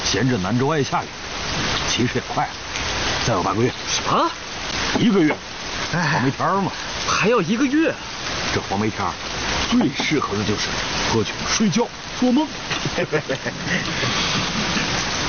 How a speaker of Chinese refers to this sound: 在这天天下雨的南州，还有什么事可做？